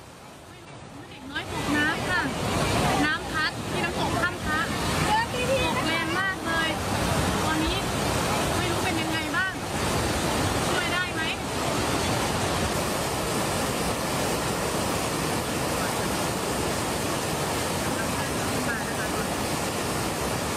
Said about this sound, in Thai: เด็กน้อยถูกกระแสน้ำที่ไหลแรงของน้ำตกพัดออกจากจุดที่กำลังเล่นน้ำลงไปที่หน้าผาเลยค่ะผู้ใหญ่เนี่ยต้องรีบลงไปช่วยเหลืออย่างโกลาหลนี่คือน้ำตกถ้ำพระ